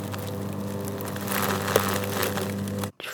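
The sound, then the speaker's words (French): A machine shredding leaves: a steady motor drone with crunching and crackling on top that grows busier midway, before it cuts off abruptly near the end. “De la machine qui broie les feuilles.”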